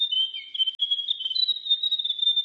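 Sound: grey warbler song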